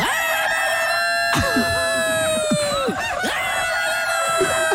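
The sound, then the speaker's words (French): A rooster crows loudly, a long strained cock-a-doodle-doo that drops off near the end, with other fowl calls and clucks mixing in around it. “Si le coq pouvait parler, qu'est-ce qu'il dirait? Oh putain, 4h30.”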